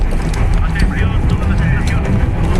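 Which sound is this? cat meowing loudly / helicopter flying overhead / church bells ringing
helicopter flying overhead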